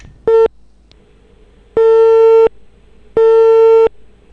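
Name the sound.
telephone call tone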